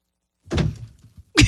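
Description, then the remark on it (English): A heavy thud and clatter as a person falls out of a chair to the floor, followed by scuffing, a small knock, and then a second loud bump. “Someone just fell out of the chair.”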